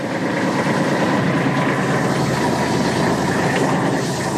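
A steady, loud engine drone of a large boom sprayer used for crop-protection spraying runs throughout, with a dense low rumble and a broad mechanical hiss layered above it, unchanging in level for the whole stretch and with no voices.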